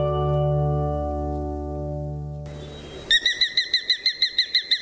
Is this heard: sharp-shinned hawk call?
yes